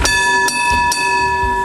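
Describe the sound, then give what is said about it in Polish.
A tram bell clangs loudly three times in quick, even succession, each strike leaving a bright metallic ring that hangs in the air; no one speaks. “Innymi słowy, gdyby państwo chcieli zagrać tramwajem w kręgle, to jest możliwe od czasu do czasu i było możliwe w Warszawie w ostatni weekend.”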